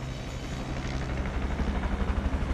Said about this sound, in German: So, jetzt ist er da. Der Heli. Hörbar zumindest, der Heli. Seht ihr ihn? Ja, er fliegt gerade hier direkt auf uns zu, über die Wälder.